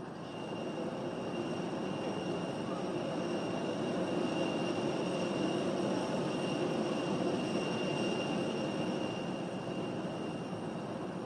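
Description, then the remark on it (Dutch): A steady, loud mechanical roar with a constant high whine runs throughout, like the jet engines of an airplane idling at an airport while waiting to depart; no voices are heard. “Tot de pauze aan boord is en het vliegtuig vertrekt.”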